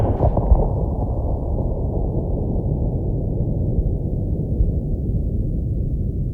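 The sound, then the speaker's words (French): A deep boom of cannon fire over there in the evening while snow falls silently, with a sharp crack at the start that gives way to a long, heavy low rumble rolling on steadily for several seconds. “Le canon là-bas a défoncé le soir profond avec un bruit de cataclysme, comme si des cyclones avaient heurté en route des typhons.”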